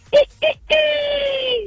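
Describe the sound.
A person imitates the crow of a fine rooster: two short clipped calls followed by one long, drawn-out, slightly falling note, sung fairly loud.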